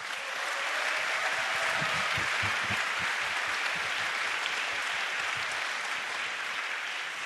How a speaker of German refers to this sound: Und dafür möchte ich einen kleinen ersten Applaus für all die Leute, die da so viel Arbeit reingesteckt haben, dass dieser Abend stattfinden kann.